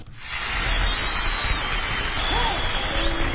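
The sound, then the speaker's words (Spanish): A burst of applause for the children of El Cambur: dense, steady clapping that starts abruptly and holds at an even, fairly loud level for a few seconds, with no voices standing out. “Un aplauso para los niños de Cambur.”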